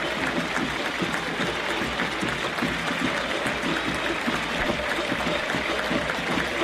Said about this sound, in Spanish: El aplauso, la ovación, el reconocimiento a todo el fútbol argentino para el seleccionado subcampeón de la última Copa del Mundo.